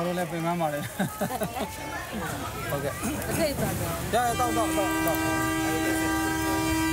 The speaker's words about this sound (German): Entfernt sich der Zug, beginnt auf den Gleisen sofort wieder das Dorfleben. Jeder hier weiß, dass man nur zweimal am Tag aufpassen muss.